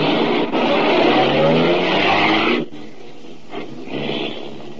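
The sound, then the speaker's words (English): A car engine roars and revs upward in pitch as it accelerates, loud and steady for a few seconds, then cuts to a quieter, rumbling drive with a brief swell near the end, as the driver heads back to DeWitt's office. No voices. “I drove back to DeWitt's office, got there just in time for a nice little scene.”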